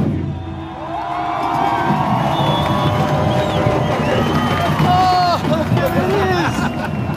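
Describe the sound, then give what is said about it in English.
A parade crowd of about 30,000 people cheers and shouts continuously after a school's hour-long dance and song performance, a dense roar of many voices with scattered high whoops and whistles rising above the steady, loud babble. “The school put on an amazing performance, dancing and singing their hearts out over the course of the hour and 5 minutes, and entertaining the 30,000 people in the crowd.”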